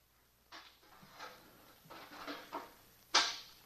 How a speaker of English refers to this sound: Everything quiet. What happened to the elevator? Then I heard the door open.